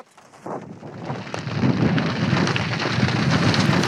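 Heavy rain from a strengthening hail-producing thunderstorm hisses steadily, heard from outside the storm's core, while a deep, rolling rumble of thunder swells from the first second and keeps growing louder, filling the storm with a dense, continuous roar and no voices.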